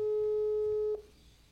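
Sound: telephone busy signal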